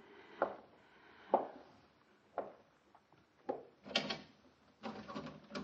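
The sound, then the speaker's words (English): Someone jiggles and yanks at a locked door handle: a string of irregular metallic clunks and jolts, ending in a longer rattling shake. No one speaks. “The door's locked”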